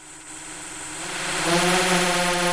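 An agricultural field-patrol drone's propellers whir with a steady, buzzing hum that grows louder as it lifts off to fly over rice paddies, surveying rice growth, weeds and water shortage; a continuous droning tone with no voices.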